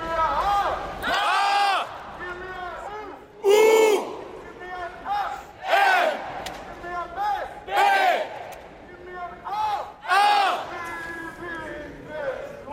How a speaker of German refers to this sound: Nach dem Spiel haben die Spieler das zusammen mit den Fans in der Kurve gefeiert.